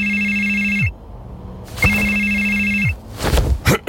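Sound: telephone ringing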